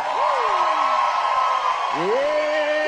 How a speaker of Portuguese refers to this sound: E eu quero que vocês recebam com muita alegria, uma salva de palmas, a nossa rainha da música sertaneja, …!